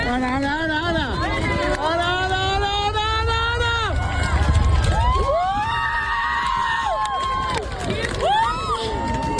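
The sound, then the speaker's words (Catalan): A crowd of about 2,000 people at the Seu Vella viewpoint erupts in loud, sustained cheering and whooping in unison as the Moon fully covers the Sun during a solar eclipse, under a cloudless sky. Rising and falling voices come in waves, with shouts and high yells over a dense roar that lasts throughout. “Les 2.000 persones que es reunien al mirador de la Seu Vella amb el sol a l'oest i sense núvols esclataven a l'uníson en el moment en què la Lluna tapa del tot els últims rajos solars.”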